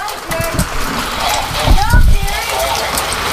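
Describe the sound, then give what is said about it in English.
Steady, dense patter of pea-sized hail falling hard across surfaces during a severe thunderstorm in Marion County, Ohio, a constant loud hiss of impacts filling the whole stretch, with a voice briefly speaking over it partway through. “That's hail. That's pea-sized hail.”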